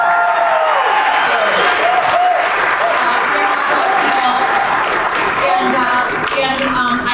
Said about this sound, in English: My family was in the hot dog business, and if you are good Midwesterners, please freaking clap for the hot dog.